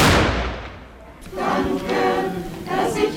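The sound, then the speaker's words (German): A single loud ceremonial salute cannon (Böller) shot booms out at once during a Corpus Christi procession in Sipplingen, fired after the blessing at the altar; its blast rolls away in a long echoing decay before a crowd's murmuring voices rise afterward. “Erst der Segen vor dem Altar, dann der Böllerschuss, schließlich der Kirchenchor, dann setzt sich der Zug in Bewegung.”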